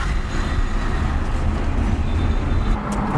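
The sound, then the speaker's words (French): Steady, dense roar of road traffic heard from inside a moving car on a busy main road, a constant low rumble with engine drone and passing vehicles, fairly loud throughout with no talking. “Oui, sur la route, il y en a beaucoup de monde, mais j'ai l'habitude.”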